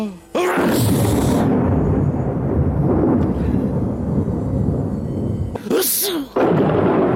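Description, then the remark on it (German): Zeus sneezes sharply, then loud thunder rumbles continuously for several seconds on Earth, with another sudden sneeze-like burst near the end before the rumbling resumes, in a telling of Odysseus's adventures. “Sehr lustig auch, wenn Zeus niest, dann hört selbst, donnert's auf der Erde.”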